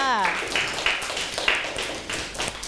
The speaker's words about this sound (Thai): โอ้โหเยี่ยมมากปรบมือให้เพื่อนค่ะ